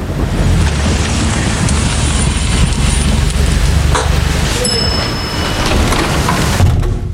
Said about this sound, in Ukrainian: Дощ лишається за дверима.